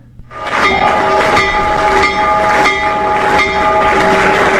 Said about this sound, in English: President Trump ringing the stock market's opening bell this morning. He did so remotely from the White House.